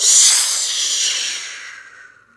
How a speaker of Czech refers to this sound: Ještě však z dohledu neodběhl, když se za ním ozval táhlý, pronikavý hvist.